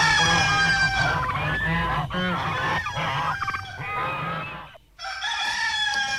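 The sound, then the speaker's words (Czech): Loud rooster crowing fills the whole stretch, harsh and strained calls layered with clucking fowl noises, with a brief break before a final crow rises again. No talking. “Já zajímavé, z čeho je ten kohout.”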